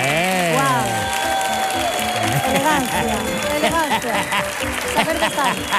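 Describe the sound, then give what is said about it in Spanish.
Steady audience applause fills the whole stretch, dense and fairly loud, with rising and falling shouts and whoops from the crowd mixed in over the clapping. “Pues nada, fuerte el aplauso”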